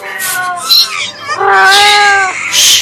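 An angry cat yowls in two long, wavering cries, broken by sharp hissing spits, as it leaps at a robber who held a match to its eyes and spits in his face. It is loud, with no voices.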